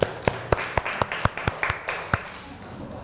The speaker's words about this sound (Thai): ปรบมือให้เพิ่มอีกครั้งหนึ่งครับ